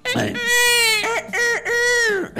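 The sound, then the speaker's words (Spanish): A rooster next to the speaker's house crows once, a loud, strained call of several joined segments rising then holding a high, harsh tone before trailing off, with no talking over it. “Es el gallo que hay al lado de mi casa.”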